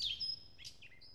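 Bright, high birdsong featured on WSHU's Birdsong Break: a quick cluster of chirps, a thin sustained whistle, then a few more short tweets, fairly soft over a low background rumble, with no voices.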